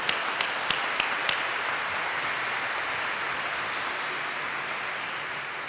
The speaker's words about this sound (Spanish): Un fuerte aplauso.